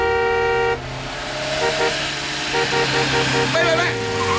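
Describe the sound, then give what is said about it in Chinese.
Heavy truck traffic rumbles in a traffic jam on a muddy road near the Datengxia project construction site, Guiping, China. A long, loud horn blast opens the scene, followed by a steady stream of short, repeated honks over the engine noise. “三轮摩托车很快就淹没在大车的车流里。”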